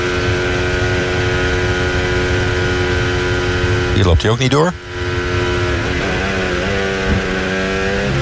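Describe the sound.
A Formula 1 car's high-pitched racing engine drones steadily, then drops and climbs rapidly through gear changes and braking around a corner before revving back up, with a man commentating briefly over it.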